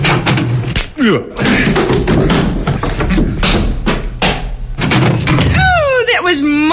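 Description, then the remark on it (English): Several heavy, booming thuds of a shoulder slamming into the door of a shack on the outskirts of Midland City, loud in an irregular series, followed by a strained, rising voice near the end. “Well, now I usually place my shoulder against the door thusly and announce myself.”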